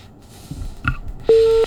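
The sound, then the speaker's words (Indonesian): After a faint electronic blip, a loud, steady telephone busy tone sounds briefly as a listener's call into a radio phone-in disconnects, a single clean beep over a quiet phone-line hiss with no talking. “Waduh, sayang terputus. Sekali terputus ya.”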